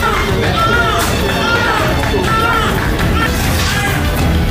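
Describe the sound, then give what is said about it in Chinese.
A premature newborn baby, the second delivered, cries in short, wavering wails that recur several times in a hospital operating room after several minutes of resuscitation by a doctor, partly buried under a loud, busy wash of room noise and overlapping voices. “经过几分钟的抢救，二宝终于发出啼哭声。”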